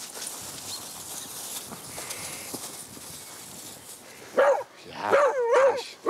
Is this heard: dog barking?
yes